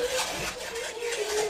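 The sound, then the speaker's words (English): Fingernails scratching and fingers groping along the panels of a door from a dark gallery outside: a steady, raspy scratching with uneven rough strokes that swell and fade in a continuous stream of mid-level noise and no voices. “fingernails. Then it seemed as if my door was touched, as if fingers were groping their way along the panels in the dark gallery outside.”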